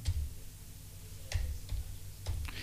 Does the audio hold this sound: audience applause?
no